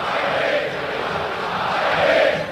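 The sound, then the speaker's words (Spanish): A football stadium crowd of Boca fans roars and cheers during a match against Estudiantes de La Plata in a steady, dense wash of voices, swelling slightly louder toward the end, with no single speaker standing out. “La gente grita, la gente está feliz.”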